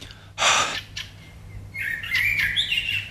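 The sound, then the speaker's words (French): Birds sing in the Jardin des Plantes garden in Toulouse in the morning: a bright burst of chirping, a brief pause, then overlapping whistled trills and tweets carrying on steadily over a faint low hum. “Je me mets pieds nus sur l'herbe, redécouvre l'essence de la vie, la farandole des oiseaux qui chantent en ré, jouissance totale, totale.”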